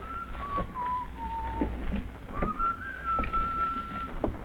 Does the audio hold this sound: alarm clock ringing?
no